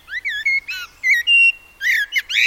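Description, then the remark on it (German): A blackbird sings alone, a rapid run of clear fluting whistles and chirpy phrases in quick bursts, bright, with brief pauses between phrases and no talking. “Ja, das pfeift natürlich auch unsere kleine Amsel schon vom Baum.”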